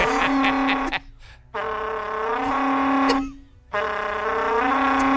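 A berrante cattle horn is blown in three long, loud, brassy blasts with a steady low drone rich in overtones, separated by brief pauses.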